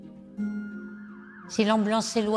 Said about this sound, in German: Wenn der Krankenwagen wegfährt, ist der Ton tiefer. Und wenn er auf uns zukommt, wird das Geräusch lebendiger und höher. Das ist ein Doppler-Effekt des Tons.